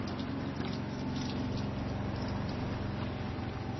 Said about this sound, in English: We're getting plenty of rain today. Pouring rain. Since it's coming from the east, I have to close my east-facing cabin door. So between the pitching of the boat and the pouring rain, there's not much to do except stay here inside my cabin.